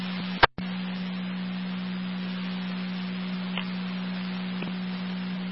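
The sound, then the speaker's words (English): A steady, low radio test tone drones without a break under a bed of static hiss, interrupted only by a sharp click near the start. “Receiver, you all set on tones?”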